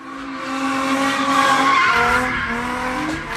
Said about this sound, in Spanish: Ahora, en Los Ángeles, California, un grupo de jóvenes hacían donas con sus autos hasta que literalmente desgraciaron uno de sus vehículos.